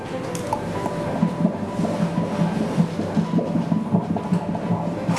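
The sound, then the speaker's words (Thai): A fetal heartbeat heard on an ultrasound Doppler during a doctor's prenatal scan: fast, steady whooshing pulses at a normal fetal rate, about twice as fast as an adult's, repeating over a constant hiss, with no talking. “อันนี้เป็นเสียงหัวใจเด็กนะคุณแม่หัวใจเด็กจะเต้นเร็วกว่าผู้ใหญ่2เท่าเพราะฉะนั้นจังหวะที่ได้ยินนี่คืออัตราปกติ”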